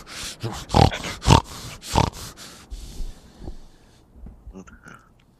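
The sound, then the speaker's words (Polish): A man with a nervous tic, triggered when he is angry, makes a run of loud, pig-like snorting grunts, five or six sharp bursts in quick succession, then trails off into a few quieter snuffles and throaty sounds. “No chrumka, on twierdzi, że to z nerwów i wydaje mi się, że może to być na tle nerwowym, jakieś takie odruchy, taki tik nerwowy, że wiesz, on jak wkurzony jest, to zaczyna chrumkać.”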